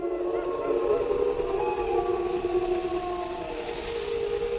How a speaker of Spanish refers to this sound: Ahí se queja un ciervo, esa tos así como de alarma, y al fondo, pues es una manada. No, se oyen varios. Sí, claro, las manadas, los lobos. Bueno, ya hablaremos de eso más adelante, pero los lobos aullan entre ellos, ¿no?